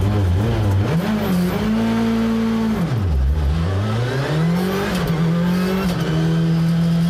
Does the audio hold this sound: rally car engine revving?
yes